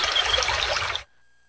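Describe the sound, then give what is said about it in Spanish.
A tap runs with a steady hiss of flowing water for about a second, then cuts off abruptly into near silence. “Cierra el grifo mientras te cepillas los dientes.”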